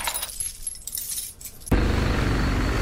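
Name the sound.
keys jangling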